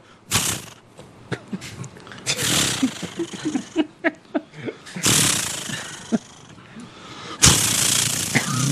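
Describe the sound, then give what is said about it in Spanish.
A man's voice mimics a chainsaw being started: a few sputtering pull-cord bursts and rhythmic chugs, then loud, raspy revving roars, fairly loud, with no actual engine present. “No, es una motosierra. Que hay que prenderla.”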